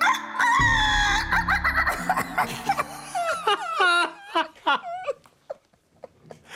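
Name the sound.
rooster crowing at dawn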